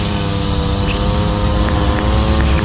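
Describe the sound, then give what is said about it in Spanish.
A lawn mower engine drones steadily and loudly while someone mows the grass, a constant buzzing motor hum with a rough, gritty texture and no change in pace throughout. “Mientras poda la grama”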